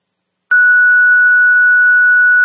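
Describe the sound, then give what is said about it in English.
A loud, steady electronic fire dispatch alert tone, sent by county dispatch to Station 10 for an activated fire alarm at 1255th Street in Sea Isle City, cuts in abruptly after a brief silence and holds at one unchanging pitch, with no voices. “You want me to hit tones or no?”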